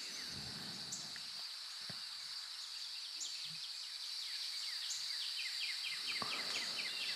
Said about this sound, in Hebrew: מצלילים של ציפורים.